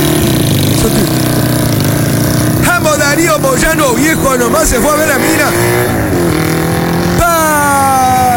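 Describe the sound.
A motorcycle engine idles and runs steadily with a low, continuous hum beneath a man talking loudly over it, while someone tries to get the motorcycle started.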